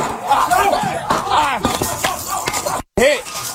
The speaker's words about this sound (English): Newly released body cam video shows the deputy getting shot as a SWAT team was breaking down the door of the suspect in Spring Hill.